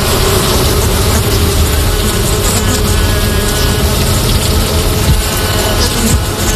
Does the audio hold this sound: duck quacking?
no